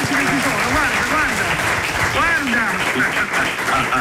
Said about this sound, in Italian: evviva, applauso guarda, ragazzi.